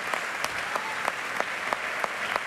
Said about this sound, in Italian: il bis, era un valzer di Chopin, l'opera 34 numero 1, che come sentite sta raccogliendo un'altra ovazione da parte del pubblico del Conservatorio per la Società dei Concerti.